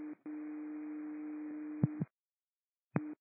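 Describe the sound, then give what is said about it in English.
A steady, droning horn test tone, done for Guemes, holds for about two seconds after a brief hiccup, then cuts off with a couple of clicks, followed by a short blip after a pause. It sounds thin, like a radio transmission. “I have done test tones for Guemes.”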